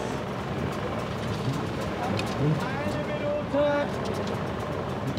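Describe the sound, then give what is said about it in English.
Engines drone in a steady, dense roar throughout, with brief tonal calls or voices rising above the noise near the middle; the rumble never fades out. “Turn off all the engines!”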